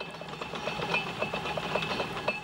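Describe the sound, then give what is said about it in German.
A funicular railway car rolls steadily along its track up a hill with a continuous mechanical rumble, rhythmic clicks and a faint high whine, with no voices; the car has no motor and is linked by a cable to a second car travelling down at the same time. “Aber die Nerobergbahn fährt energiesparend und umweltfreundlich. Sie braucht keinen Motor.”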